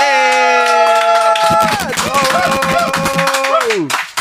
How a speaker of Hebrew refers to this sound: אז הוא ניגן ישן וחדש והכל ביחד, ותנו לו מחיאות כפיים